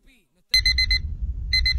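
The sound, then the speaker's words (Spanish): An alarm clock rings loudly in rapid, trilling bursts, pauses briefly, then starts again, with a low rumbling murmur underneath. “Tu despertador ahora tiene otro sonido.”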